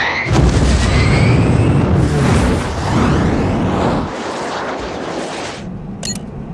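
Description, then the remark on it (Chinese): A second missile launched from an aircraft: a loud, sustained rocket roar with sweeping whistling tones, dropping to a steadier, softer rush after about four seconds, with a brief sharp click near the end. “第二枚，准备发射，明白。”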